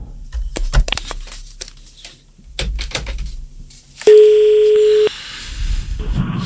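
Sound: telephone call connecting tone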